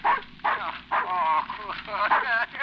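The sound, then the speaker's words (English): A dog barks repeatedly and fairly loudly, about six sharp, tonal barks in quick succession with short gaps between them. “Come here, wolf, old dog. Why, my very dog has forgotten me.”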